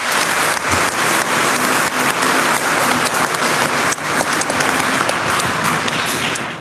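A crowd applauds steadily for the Virgin Mary after a Hail Mary prayer, a dense wash of many hands clapping at a constant, fairly loud level for several seconds with no voices standing out.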